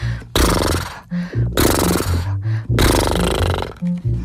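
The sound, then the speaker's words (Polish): Three long, fluttering lip-blown snorts, each about a second, as people imitate a horse snorting during a cheek and lip loosening exercise. They're loud, buzzy and breathy, with a low voiced hum under the rasp and short gaps between them. “Udajemy, że jesteśmy końmi. Co robi koń przede wszystkim? Parska. Więc parsknijmy i my.”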